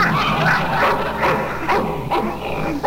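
A Russian wolfhound barks over and over in quick, loud yelps, with a few whimpering notes mixed in and no pause between bursts.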